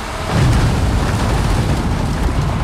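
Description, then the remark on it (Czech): A continuous heavy rumbling roar of more tons of sugar beets tumbling from a loader onto a conveyor in front of the sugar factory in Litovel, Olomouc region, loud and steady throughout with dense low-end thumping and a broad noisy hiss, no voices. “Nakladač před cukrovarem v Litovli na Olomoucku sype na dopravník další tuny cukrové řepy.”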